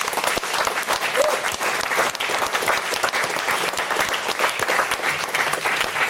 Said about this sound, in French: on peut l'applaudir, s'il vous plaît.